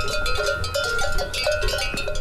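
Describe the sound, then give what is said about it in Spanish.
A dense chorus of cowbells clanking continuously and irregularly, many metallic tones overlapping at varied pitches with no single rhythm, fairly loud throughout and with no voices. “un concierto de cencerros, si vas a una aldea en la que sabes que hay cencerros”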